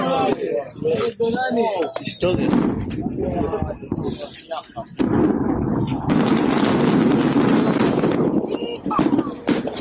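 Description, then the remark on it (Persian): Large explosions boom and roll into a long, heavy rumble, with excited voices exclaiming before and over the blasts, loud; the Israeli army destroying a Hezbollah tunnel network at the Ali al-Taher heights in Lebanon with over 1,100 tons of explosives, watched by Israeli people and soldiers. “مردم و سربازان اسرائیلی هم شاهد این آتشبازی نتانیاهو بودند و با شنیدن صدای انفجارها و شعله‌های آتش حیرت، شگفتی و رضایت خود را ابراز کردند.”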